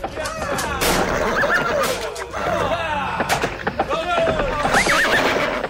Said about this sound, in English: He started to hear the sound of horse hooves thundering on the ground.